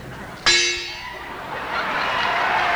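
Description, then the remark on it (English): A single imported Edmonton gong is struck, with a sharp metallic hit followed by a shimmering, ringing decay that lingers and fades over a couple of seconds against faint background noise. “And imported Edmonton Gong.”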